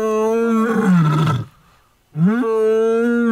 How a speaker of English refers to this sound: but you all want to know what it sounds like now. You want to hear what a lion mating call sounds like?